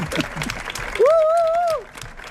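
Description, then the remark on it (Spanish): A crowd applauds steadily, celebrating a win over Belgium, and partway through a single voice rises above the clapping with a long, sustained cheer for the national team before fading back into the applause. “y porque este aplauso no dedica a nosotros, demuestra que hemos ganado a Bélgica.”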